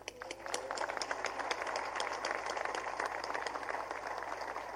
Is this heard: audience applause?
yes